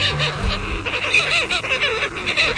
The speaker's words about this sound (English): Seabirds, like this short-tailed shearwater, spend most of their lives on the open ocean.